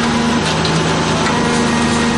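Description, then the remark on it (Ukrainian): A loud, steady high-pitched buzzing of an FPV drone flying over the heads of a mobile fire group of the 148th Separate Artillery Brigade, a continuous whining engine drone with a sustained tonal hum, no speech. “І вже за мить над головами дзищання летить в піві.”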